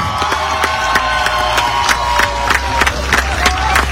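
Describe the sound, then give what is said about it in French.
A large audience claps and cheers steadily for the volunteers, with dense overlapping applause and sharp individual claps punctuating the roar of voices throughout. “Donc, je vous demande de les applaudir très, très fort.”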